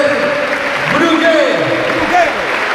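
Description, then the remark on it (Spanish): A large football stadium crowd at the Ciutat roars and applauds steadily, massed voices rising and falling as they chant "Brugui, Brugui" for captain Roger Brugué as he is substituted off, in a loud, continuous wash of sound. “Evidentemente hay la ovación del Ciutat, que grita Brugui Brugui a uno de sus capitanes, que se retira ovacionado.”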